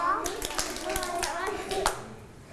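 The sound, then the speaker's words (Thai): Children sit down and clap their hands twice, following an instruction in a movement game, producing several sharp, bright claps scattered unevenly over a couple of seconds while young voices chatter and call out underneath. “นั่งลงปบมือ2ครั้งแล้วเอามือจับไหล”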